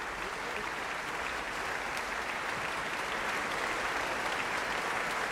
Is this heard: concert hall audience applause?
yes